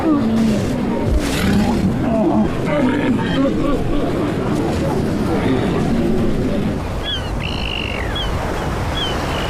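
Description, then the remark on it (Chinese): A dense chorus of Pacific walruses, hundreds of thousands gathered in one place with males weighing over a tonne, roars, bellows and grunts at once, loud, forming a continuous rumbling din, with a few faint bird calls chirping above it near the end. “它们体型庞大，雄性海象的体重超过1吨。许多海象会丧生于相互踩踏。”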